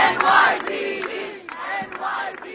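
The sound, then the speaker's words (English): A large crowd at a peaceful protest cheers and shouts loudly and steadily, thanking the New York Police Department and applauding NYPD officers present, voices swelling in rhythmic surges, with scattered claps punctuating the roar throughout. “The people thanking the New York Police Department and applauding the NYPD officers that were present for the peaceful protest where no one was attacked, no one was bloodied, no one was arrested, no property was damaged,”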